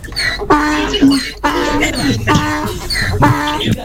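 A donkey brays in a loud, rhythmic series of harsh, wheezing cycles, about four strained rising and falling pulses in a row.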